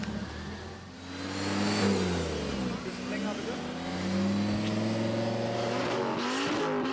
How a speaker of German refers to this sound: Besonders beliebt der Lärmtest. Umdrehung hoch.